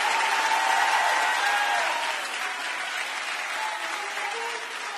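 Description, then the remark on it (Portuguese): A crowd claps steadily for several seconds, a dense, sustained wash of applause that stays loud throughout and eases off slightly toward the end. “Aplauda o senhor aí, gente!”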